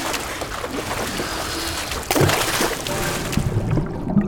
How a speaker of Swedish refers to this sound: Då åker du rakt ner i Karmafallet. Vattnet. Det suger runt fötterna. Det kittlar.